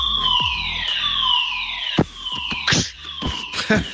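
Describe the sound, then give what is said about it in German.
A fire alarm siren sounds during a practice fire drill, wailing in loud, repeated downward sweeps of a high, piercing tone, with short bursts of clatter breaking in over it. “Gestern hatten wir einen Probefeueralarm. So klang das dann.”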